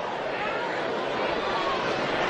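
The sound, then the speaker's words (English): A steady wash of crowd noise from a baseball stadium crowd of more than 6,000 fills the space, a broad murmur of many voices chattering and cheering, continuous and fairly loud without any single voice standing out. “This big crowd in excess of 6,000 wanting to make some noise.”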